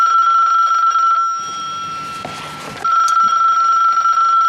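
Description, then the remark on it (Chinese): A telephone rings loudly and steadily in a provincial government chairman's office, its shrill tone breaking off for about a second and a half under a burst of rustling clatter, then resuming just as strong. “你说整天就这么吵，你接一下，看看谁来的电话。”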